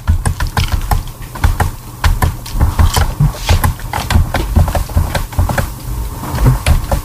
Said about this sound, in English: I hear her keyboard. I think so.